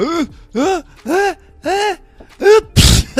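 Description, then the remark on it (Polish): A person fakes a sneeze out loud, with several drawn-out, rising vocal 'ah' build-ups followed by a sharp, breathy 'choo' burst at the end, loud. “Przepraszam pana bardzo, że panu w twarz kichnąłem, ale mam wstrętne przeziębiuszysko takie, to padło mnie.”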